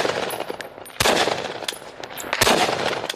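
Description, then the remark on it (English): Heavy gunfire crackles in irregular bursts, with two loud, sharp blasts standing out among scattered smaller pops. The shots echo outdoors and no one speaks. “Drones also target heavy gunfire.”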